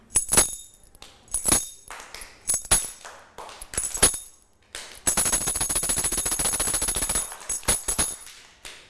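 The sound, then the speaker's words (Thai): A Thai jingling krap clapper (krap krung kring) played by a teacher as rhythm signals for children (slow, fast and stop): sharp clacks with bright metallic jingles strike in a slow beat, then break into a fast continuous rattling roll before a few final strikes trail off. “ก็จะให้เสียงสัญญาณจังหวะค่ะจากเครื่องดนตรีชิ้นนี้ค่ะอะไรคะกรับกรุ้งกริ้งค่ะเด็กๆนะคะก็จะฟังเสียงสัญญาณจังหวะ”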